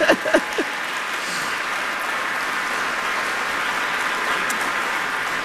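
A large audience claps steadily for a vocal ensemble, a dense, even wash of applause that fills the whole stretch, with a few voices briefly audible at the very start.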